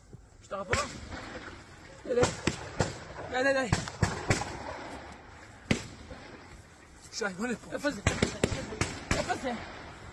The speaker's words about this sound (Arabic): ننوه إلى هذه الصور التي يبدو أن أحد المستوطنين هو من صورها أثناء حادثة إطلاق النار. إذن في مستوطنة نيفيتسوف يظهر أحد المستوطنين وهو يختبئ، ونسمع أصوات إطلاق النار.